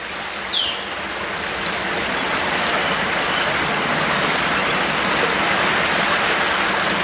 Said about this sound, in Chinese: 躲在茂密的灌木丛中，母狮能听见潺潺的流水声，还有织布鸟筑巢时发出的叽叽喳喳的鸣叫声。